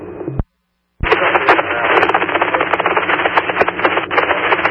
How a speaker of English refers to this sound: Unable to copy, cover in static.